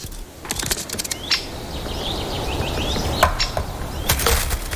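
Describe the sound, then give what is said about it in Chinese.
A woodpecker knocks at bark in a forest ravaged by an insect infestation, stripping off bark and wood chips as it feeds on insects, in irregular bursts of sharp, dry taps, with thin bird chirps and a steady rustling hiss underneath. “木鸟剥落的树皮与木屑给不善于啄木取虫的动物提供了免费的午餐”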